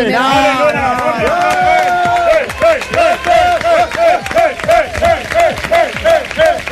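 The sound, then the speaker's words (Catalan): A studio audience applauds steadily with rhythmic clapping, mixed with whoops and raised voices cheering throughout, loud for the whole stretch, welcoming a surprise guest into the studio. “Demano un fort aplaudiment.”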